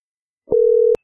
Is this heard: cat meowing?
no